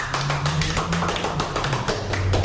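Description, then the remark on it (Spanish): An audience in their sacred temple claps together in a fast, steady rhythm, the dense sharp claps continuing loudly throughout over a low sustained hum. “Aplaudamos todos, por favor, estamos en nuestro templo sagrado.”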